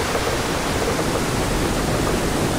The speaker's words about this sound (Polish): wielkie drewniane wrota za nami zostaną zamknięte. I wówczas w przednich wrotach zostaną otwarte bardziej takie zastawki, które pozwolą na to, żeby woda z jeziora studzienicznego przepłynęła tutaj do komory śluzy, tak żeby poziom się wyrównał.